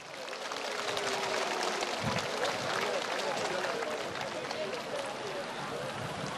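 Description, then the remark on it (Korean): A crowd applauds a combined choir after its performance celebrating Buddha's birthday, a dense crackle of many hands clapping at even loudness for several seconds, with a faint murmur of voices beneath. “꽃향기 가득한 화음으로 부처님 오심을 찬탄해 주신 연합합창단에게 큰 박수 부탁드립니다.”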